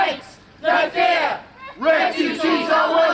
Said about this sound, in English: Right now, they're marching towards this facility where unaccompanied minors, asylum seekers, have been housed in this town. They're a loud crowd, but it's clear they're more noise than numbers.